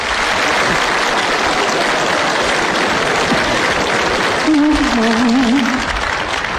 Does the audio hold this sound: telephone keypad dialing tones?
no